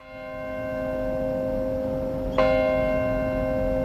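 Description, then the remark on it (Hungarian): The Bell of Hope, a large church bell at St. Paul's Chapel in New York, rings at 8:46 on the anniversary of the September 11 attacks, with a sustained, shimmering hum, then is struck again partway through, sending out a fresh bright peal that lingers. No voices are heard. “Idén is megszólalt a remény harangja a New York-i Szent Pál kápolnánál a szeptember 11-i terrortámadás évfordulóján.”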